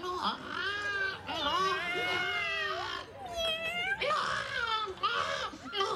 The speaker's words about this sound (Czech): tady je někde kočka. Kočka, hele, jí tamhle.